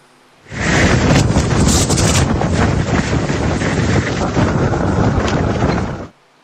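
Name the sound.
strong wind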